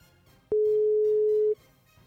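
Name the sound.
telephone ringing tones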